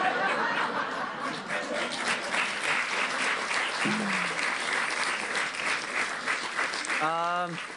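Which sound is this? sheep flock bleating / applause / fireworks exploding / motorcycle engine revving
applause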